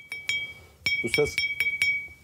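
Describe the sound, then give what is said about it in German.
A fired clay pot, fresh from a potter's kiln in Cappadocia, is struck about six times in quick succession to test its quality, each tap giving a clear, high, bell-like ring that lingers briefly, a sign it was perfectly fired. A voice speaks briefly between the strikes. “Dieses hohe Klingen gibt es nur, wenn das Gefäß perfekt gebrannt wurde.”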